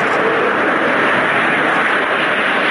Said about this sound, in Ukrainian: Крім того, пілоти з України, які пройшли навчання у Франції, підійняли в небо два винищувачі «Міраж».